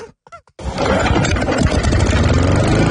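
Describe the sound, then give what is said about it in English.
A small two-stroke engine sputters through a couple of quick cranks, then catches and roars into a loud, steady buzzing run, with no talking. “but we're just going to dial back the engine strength here at the moment. We're going to go from sort of like V8 to four-stroke or two-stroke.”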